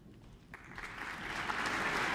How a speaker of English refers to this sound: Applause for soprano Madeleine Pierrot and conductor